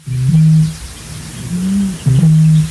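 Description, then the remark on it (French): A bird in a reedbed, hugely inflating its neck, gives deep, low-pitched hoots that sound like a foghorn: three sustained, droning calls with short gaps, steady and loud, heard alone without any talking. “Et ça fait un espèce de son étrange qui ressemble effectivement à une corne de brume.”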